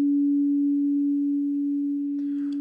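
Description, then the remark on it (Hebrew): A clean, steady synthesized tone holds at one low-mid pitch for the whole clip, loud and unwavering, with a faint burst of other sound appearing near the end. “אגב, הצליל הטהור של 285 הרץ נשמע כך, זה הגרסה המסונתזת שלו, הנקייה, 285 הרץ, זה צליל שיוצא בין רי לדו דיאז, ממש בין לבין.”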